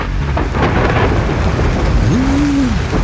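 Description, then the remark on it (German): A weekend thunderstorm: heavy rain pours steadily while deep thunder rumbles through, loud, with a brief rising-and-falling tone near the end; no one speaks. “Ist gestern ein Blitz eingeschlagen während einer Taufe in die Kirche.”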